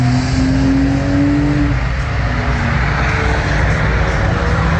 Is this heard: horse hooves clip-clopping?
no